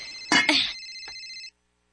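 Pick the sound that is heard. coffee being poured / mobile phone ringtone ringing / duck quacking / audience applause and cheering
mobile phone ringtone ringing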